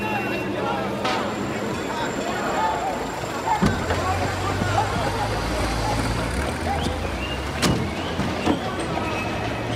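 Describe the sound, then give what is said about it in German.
Steady road rumble inside a moving car as a window is lowered, letting in a louder rush of wind and traffic noise, with a few sharp clicks and faint indistinct voices. “mach das Fenster auf und lass ein Lüftchen rein.”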